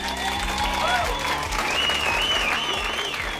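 A concert audience applauds steadily and loudly, a dense wash of clapping with a few faint cheers and whistles rising through it, continuous from start to finish.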